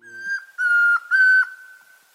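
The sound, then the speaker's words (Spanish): A man whistles an imitation of the song of the tororoi comprapan, a shy, mainly ground-dwelling bird about 18 cm tall with a reddish-orange head and nape and a white belly. The whistle is a steady pure tone with two louder, buzzier swells, each ending in a slight downward dip, heard alone without speech. “Este es el trino del tororoy comprapan, un hombre que imita su canto.”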